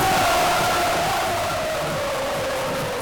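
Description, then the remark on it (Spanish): A large crowd at Colón in Madrid, watching on giant screens, roars and cheers at the final whistle as Spain reaches the World Cup final, a dense, unbroken wall of noise, with a sustained tone sliding slowly downward through the celebration for about three seconds. “Pitido final y se desata la locura.”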